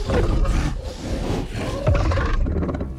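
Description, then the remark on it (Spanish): A loud, guttural roar from a Yautja creature rumbles continuously for about three seconds, rough and growling with deep low-end power, with no voices. “Ignorando el rugido del Yautia, el cáliz lo olfatea con curiosidad.”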